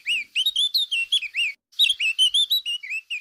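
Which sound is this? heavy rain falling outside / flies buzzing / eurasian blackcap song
eurasian blackcap song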